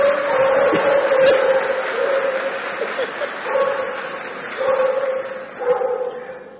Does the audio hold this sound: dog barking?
yes